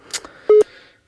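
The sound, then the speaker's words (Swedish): A short electronic telephone tone sounds once, steady and fairly loud for a fraction of a second, framed by faint line clicks and hiss as a new caller is connected while other phone lines ring. “Men det ringer för fullt här på andra lurar, så jag kopplar upp en ny.”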